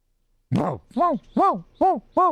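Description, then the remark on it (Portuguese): A female dog gives five short, tonal, howl-like yelps in a steady series, each rising and falling in pitch, fairly loud with brief pauses between and no talking. “Cachorra e cavalo? É isso aí, seu Pedro.”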